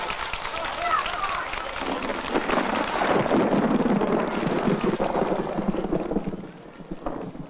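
A long, rolling rumble of distant thunder from an approaching storm at Allen, Texas builds and churns for several seconds, rough and broad, then eases off slightly near the end.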